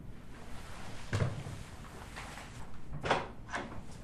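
A door opens and shuts as someone comes to knock at it, with a few short wooden clunks spaced over several seconds against a quiet hiss, not very loud.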